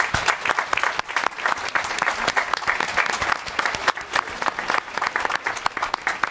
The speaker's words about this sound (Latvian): Pirmkārt, gribas uzgavilēt Aglonas skolas korim, ērģelniecei, diriģentei, visiem, kas mūziķi kuplinā šo mūsu dievkalpojumu. Aplausi viņiem!